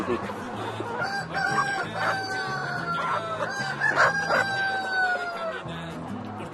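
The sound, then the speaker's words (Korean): A busy flock of roughly 1,800 to 2,000 chickens on a farm clucks continuously while roosters crow in long drawn-out calls, several overlapping crows rising through the steady murmur of the crowded coop. “주변으로는 끊임없이 닭들이 모여듭니다.”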